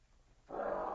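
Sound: dog growling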